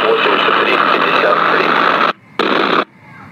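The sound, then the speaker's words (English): Loud, steady hiss of CB radio static from a weak signal, cutting out abruptly, bursting back briefly, then dropping to near silence. Nobody speaks. “I'm just an interference to them. I have a very weak signal, so I don't think I can connect to them.”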